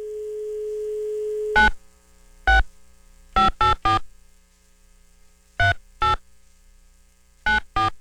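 A steady dial tone hums briefly, then stops as nine short keypad beeps sound in quick, uneven clusters, clear, with no talking, as someone dials a phone call.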